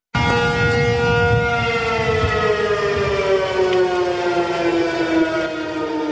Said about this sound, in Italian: le manovre coinvolgono anche la popolazione civile e oggi sull'isola sono risuonate le sirene antiaeree